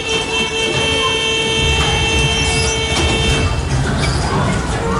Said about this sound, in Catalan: El ferrocarril aéreo nos proporciona la contemplación del panorama desde la altura.